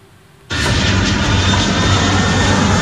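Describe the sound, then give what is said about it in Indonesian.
After a brief quiet moment, the engines of a Garuda Indonesia passenger jet at Sultan Hasanuddin Airport, Makassar, abruptly burst into a loud, steady, constant roar, with no voices present. “Pesawat Garuda Indonesia GA604 rute Jakarta-Makassar sempat berputar-putar di udara sebelum mendarat darurat di Bandara Sultan Hasanuddin Kamis pagi.”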